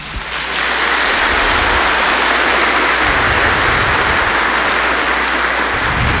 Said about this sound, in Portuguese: Eu até pediria uma salva de palmas.